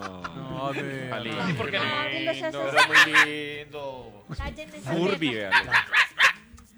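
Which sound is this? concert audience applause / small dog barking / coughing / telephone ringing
small dog barking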